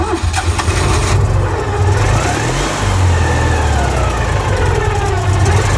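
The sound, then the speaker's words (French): A Citroën 2CV car engine runs loudly with a rough, buzzing low rumble, its pitch rising and falling slightly as it revs, with no talking over it. “Si c'est confirmé, la Deux Chevaux arrivera sur le marché sans faire de bruit. En tout cas, pas celui-là.”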